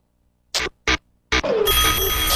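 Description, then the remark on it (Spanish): An alarm clock bell rings at 7 in the morning on the morning-shift radio show El Despertador, in two short bursts, then a third, before breaking into a loud, continuous metallic ringing that carries on to the end. No one speaks. “Suena el despertador de turno mañana.”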